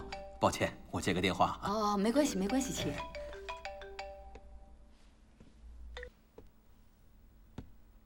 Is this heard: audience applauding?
no